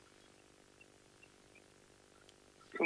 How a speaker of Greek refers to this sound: Α, ακούω εκεί τα πουλιά που έχεις μες στο σπίτι.